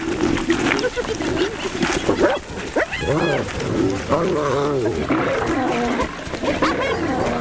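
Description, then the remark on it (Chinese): Spotted hyenas, including Haraka and the matriarch Magia, fight lions over their prey as more hyenas join in: snarling roars, growls and rising, wavering hyena whoops and cackles overlap continuously, loud and frantic throughout. “当其他斑鬣狗也加入战斗，胜利就是属于他们的了。”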